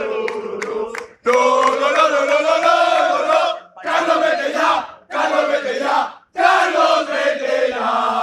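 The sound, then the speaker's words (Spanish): A large crowd of Valencia football fans loudly chants protest slogans against Valencia coach Carlos Corberán, in four drawn-out, sung phrases separated by brief pauses, after a few sharp claps at the start. “Hemos escuchado en el arranque del partidazo a Corberán y la situación tan delicada que vive el Valencia, que se ve también un poco reflejada en los aficionados que ahora vuelven a gritar.”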